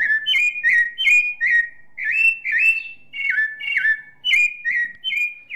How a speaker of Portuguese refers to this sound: É, gente, o sabiá cantou em Novo Hamburgo. Isso quer dizer que o inverno, o frio, tá quase se despedindo.